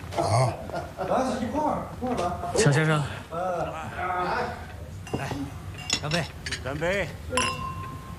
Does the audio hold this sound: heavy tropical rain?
no